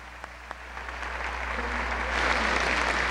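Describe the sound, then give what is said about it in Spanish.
Applause from an audience in Veracruz for a band and its conductor, starting with a few scattered claps and swelling into steady, dense clapping that grows louder and fuller over a few seconds, with no voices over it. “Un aplauso para este señor que dirige y que lidera a esos extraordinarios músicos de México, para quienes pedimos un fuerte aplauso, la ….”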